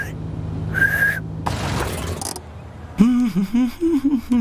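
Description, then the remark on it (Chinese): A cartoon child in the show Bluey whistles one short, steady high note, followed by a burst of clattering noise and then a voice speaking. “没错，但我会吹口哨。”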